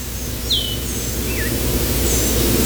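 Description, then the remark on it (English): Slow, plaintive slurred whistles of an Eastern Wood-Pewee, a few thin high notes sliding downward, faint against the steady, heavy low rumble of an airplane throughout. “Summer in the forest, the slow, kind of plaintive, lazy call of the Eastern Wood Peewee.”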